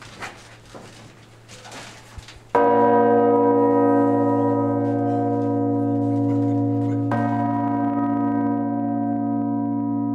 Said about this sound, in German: Diese Glocke, 5 Tonnen, wurde früher mit dem Seil gezogen. Unten, da waren 3, 4 Leute.